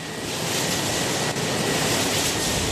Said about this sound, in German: Ein heißer, windiger Tag im östlichen Wiener Becken. Hier stehen jede Menge Windräder. Auf den Äckern, Hügeln und Weinbergen dieser flachen Gegend drehen sich leise surrend die Flügel der Windturbinen. Wir sind im Gemeindegebiet von Höflein bei Bruck